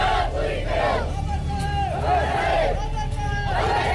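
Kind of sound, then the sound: crowd, students chanting slogans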